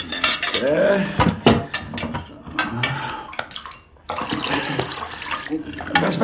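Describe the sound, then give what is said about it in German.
Clinking and clattering of vessels, including a container of water, being handled, with sloshing water and a short splash, sharp knocks scattered throughout as containers bump together. “gib mir den Behälter mit dem Wasser da.”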